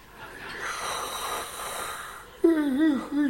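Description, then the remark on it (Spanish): A person imitates a bored bass drummer's big, old-fashioned yawn: a long, breathy inhale swells for a couple of seconds, then breaks into a loud, wavering voiced groan that dips and rises in pitch. “Y cuando iba dando la vuelta así ya para la coronación, pues es que se aburre el bombisto y mete un bostezo de eso como de los de antes.”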